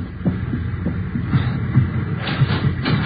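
A porter knocks on the door of a train compartment: a series of dull knocks about half a second apart, sounding over a steady low rumble like a moving train. No one speaks.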